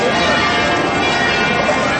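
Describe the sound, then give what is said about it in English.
Church bells ring out loudly and continuously in the middle of the day, their overlapping peals forming a dense, steady wash of metallic tones with no pauses, full throughout. “there was certainly plenty of noise with those church bells.”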